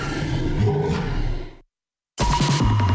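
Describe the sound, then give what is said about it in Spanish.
A loud, growling dinosaur roar fills the first second and a half, cuts to silence, then a second deep, rumbling roar bursts in and continues, forceful, in a radio ad for the dinosaur show Dinosaurios, una aventura de otra era at Planetario Chile. “Y recuerda, si algo ruge, corre.”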